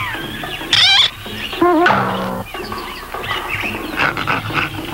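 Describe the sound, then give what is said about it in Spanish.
Loud, cartoonish ape cries from Brutus disguised in a gorilla suit in a Popeye cartoon: two sharp, wavering high-pitched shrieks followed by a rough, guttural grunting growl, trailing into noisy background commotion. “Ven acaso, gran mono. Ya sé quién tú eres.”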